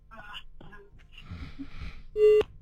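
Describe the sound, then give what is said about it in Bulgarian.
A telephone busy tone cuts in loudly near the end after a listener's call drops on the line, one steady beep and the start of another, following a stretch of faint, muffled voices and line noise. “Връзката се е разпаднала. Моля да опитате отново.”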